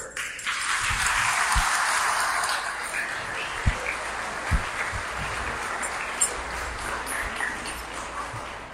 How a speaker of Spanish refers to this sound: Número 74 se lleva a San Judas Tadeo. 74. Allá está aquí el amigo. Un aplauso.